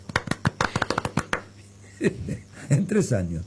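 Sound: applause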